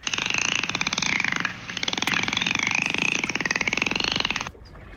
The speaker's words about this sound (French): Ouais, bah, bravo, clac, clac, clac, clac, clac. Belle observation, non, c'est un dauphin.